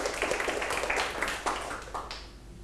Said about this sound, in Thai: ปรบมือให้กลุ่ม1หน่อยครับ